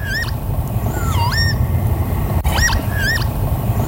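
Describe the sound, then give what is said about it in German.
A northern lapwing gives several wheezy, swooping 'pee-wit' calls, some rising and some dipping, spaced irregularly over a steady low rumble of wind or background noise. “2024 war es der Kiebitz.”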